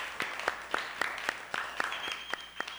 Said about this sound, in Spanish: Así que vamos a brindarles un fuerte aplauso porque son nuestro público también invitado.